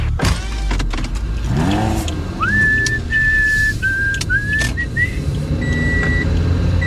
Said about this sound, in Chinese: 在刚刚播放的音档当中有何不妥？ 我知道用口哨吹警广的台呼。